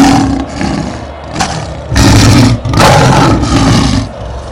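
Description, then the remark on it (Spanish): A lion roar sound effect played as a fanfare while two football teams come out onto the pitch: a low rumbling opening swells into two loud, raspy bursts of roaring in close succession, with no talking. “Cuando en este momento salen los dos equipos al terreno de juego, déjeme escucharle la fanfarria, déjeme escuchar el rugido del león, porque sale Independiente Santa Fe y sale el Once Caldas de Manizales”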